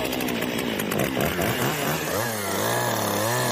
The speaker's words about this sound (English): I'm a chainsaw artist.